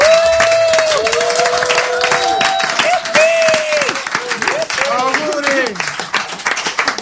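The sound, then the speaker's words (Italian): Audience applause for the theatre company ATIR turning 30, with dense, steady clapping that stays loud throughout and rising, wavering cheers or whistles from the crowd riding on top. “Loro hanno compiuto 30 anni, un applauso.”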